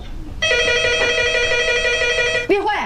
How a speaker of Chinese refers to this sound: 你接下电话， 我还没 下手呢。